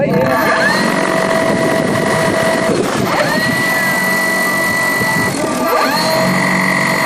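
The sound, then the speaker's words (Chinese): Motors of a research drone carrying composite sensors whine loudly and steadily during a final pre-takeoff test on grassland 50 km southwest of Golmud, their high buzzing pitch dipping and climbing again twice as the rotors rev down and back up, with a faint rumble underneath. “搭载复合传感器的科考无人机在格尔木市西南50公里的草场进行升空前最后的测试。”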